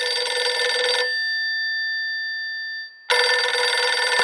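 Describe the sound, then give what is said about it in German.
An old-style telephone bell rings loudly, two long rattling bursts separated by a pause in which the bell's tone hangs and slowly fades. No one speaks. “Sein Telefon klingelt.”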